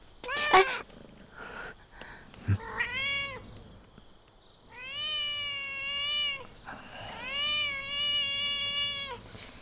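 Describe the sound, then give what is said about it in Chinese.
A cat, Baopu, meows several times, each call a drawn-out, wavering cry with clear harmonics, moderately loud, with a couple of short thumps early on and no talking. “之前可都是一直我在照顾你，而且我养了你那么久，才跟了叶县几日啊，就变成这样了，真是忘恩负义的坏猫。”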